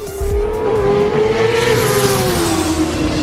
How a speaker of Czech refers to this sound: Až tenhle ten zvuk zazní, tenhle zvuk motorky